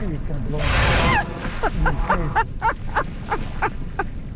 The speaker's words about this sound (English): The whales surface. They blow what Jim calls whale spit onto both of us.